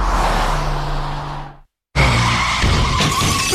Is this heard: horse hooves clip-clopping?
no